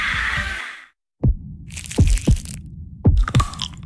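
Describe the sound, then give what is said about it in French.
A heartbeat, presented in an advert as Pierre Marcolini chocolates making the heart of Brussels beat, thumps in deep, booming low pulses, mostly in lub-dub pairs, layered with a crackling, hissy texture above. A brief silence comes before the beats; no one speaks. “Ce sont les chocolats de Pierre Marcolini qui font battre le cœur de Bruxelles.”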